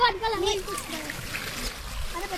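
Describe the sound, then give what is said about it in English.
Liquid splashes and gurgles steadily as it is poured into a planting hole, a continuous watery spatter lasting a couple of seconds while children's voices chatter over it, as the children plant fruit trees with gardener Costa Georgiadis. “Who wants to pour this in?”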